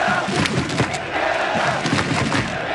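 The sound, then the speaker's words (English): A dense, loud red and white crowd of football fans chanting and cheering together in the streets of downtown Vancouver during the FIFA World Cup, a steady roar of massed voices with rhythmic shouts and occasional thumps, continuous throughout. “Vancouver's downtown core was overcome by a FIFA frenzy yesterday. A red and white crowd took over the streets.”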